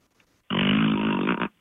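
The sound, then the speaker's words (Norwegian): A voice makes a long, buzzy fart imitation lasting about a second, loud, with a steady raspy drone that ends abruptly. “Ja, du må lage den ganske høyt, prøv den en lang prompelyd ned der.”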